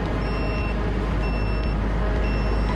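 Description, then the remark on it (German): A drone detector beeps three times, signalling reconnaissance drones in the air, in a steady, roughly once-a-second pattern, each beep a high electronic tone sounding over a loud, constant engine-like rumble. No one speaks. “Der Detektor piept, heißt das, hier gibt es Drohnen?”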